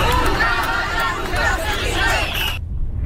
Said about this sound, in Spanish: Con estos gritos han recorrido las calles del centro de Ceuta, pues bajo ese lema, hasta que han llegado a la Plaza de los Reyes